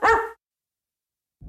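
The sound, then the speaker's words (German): A single sharp dog bark rings out loud at the end of an advert for the pet supply chain Das Futterhaus, then cuts to silence before a low, muffled sound begins at the very end. “Die mit dem gelben Hund.”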